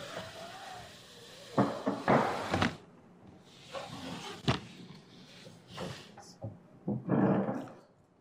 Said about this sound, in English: Sorry, bring a chair, sit on there, and we can shift the mic.